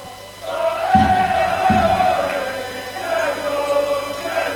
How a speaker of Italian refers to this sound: Sorride Graves, sicuramente apprezza questi cori, questa felicità dei tifosi.